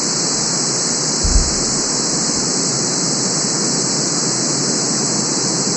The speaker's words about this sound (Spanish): Este se llama, o lo consiguen como, ruido blanco. ¿Listo? El ruido blanco es el mismo ejercicio del verde, pero para todo lo que tiene que ver con estados mentales.